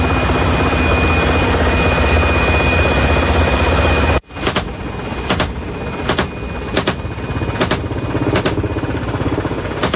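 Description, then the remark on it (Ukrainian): A loud, steady roar of a helicopter in Ukraine, one of a unit of two helicopters that hunt attack drones, fills the first half, then cuts abruptly to a throbbing engine drone with repeated pulsing whumps of rotor blades; no one speaks. “Цей підрозділ, у складі двох вертольотів, знищив сьогодні 6 повітряних цілей.”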